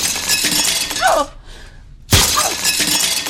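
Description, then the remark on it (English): Window glass shatters in two loud bursts of bright, crackling breakage, with a brief near-silent pause between them; tinkling shards keep sounding through each burst, as a person breaks all the windows in a house. “I broke down one night and screamed at him and broke all the windows in the house.”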